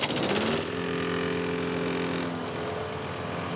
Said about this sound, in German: Sag mal, ich höre euch kaum wegen dem Rasenmäher beim Nachbarn.